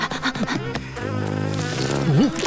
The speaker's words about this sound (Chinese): 是蜜蜂，大家走开，别叮了。什么东西？那个是吧？我当然知道那是苍蝇，我只是要测验一下你们知不知道区别。